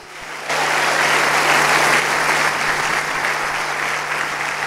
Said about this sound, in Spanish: ¡Fuerte el aplauso al Señor Jesucristo! ¡Aleluya!